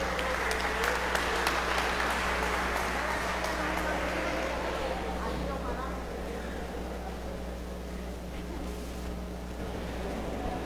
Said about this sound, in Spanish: Un aplauso. Muchas felicidades en su día. Un fuerte aplauso.